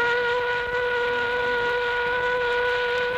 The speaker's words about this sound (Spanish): En este momento son las 6 en punto. Está sonando la sirena de salida. Ya comienzan a salir los obreros y obreras.